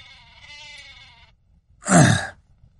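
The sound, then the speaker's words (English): A sheep bleats twice: first a thin, wavering bleat, then after a short pause a louder, fuller one, over a low background rumble, by the field trainers, with no talking. “Yeah, I got sheep over here.”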